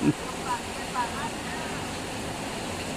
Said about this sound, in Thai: นี่คือเสียงฝน แค่นี้ละ ได้ยินอยู่พอได้ยินอยู่จะมาสิมีเสียงฝนแทรกเข้าไปเนาะ